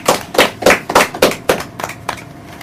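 Children give themselves a round of applause, clapping together in a steady, even rhythm, roughly nine sharp claps in a row that soften and thin out toward the end. No voices are heard.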